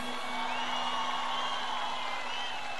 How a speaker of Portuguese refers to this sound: Antes da gente dar continuidade, eu gostaria de pedir a vocês uma salva de palmas a toda a minha banda e a toda a minha equipe.